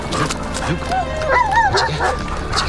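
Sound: dog barking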